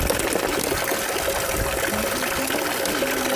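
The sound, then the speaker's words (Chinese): Very cold, carbonated sparkling mineral water with an iron-rust taste pours steadily into a bottle for a few seconds, a continuous splashing and gurgling rush with a faint rising tone as the bottle fills, and no voices. “啊，它就是那个气泡水，就有那种碳酸，有那个气儿在，然后喝上去是有点铁锈的味道，但是它最后会有一点点反甜”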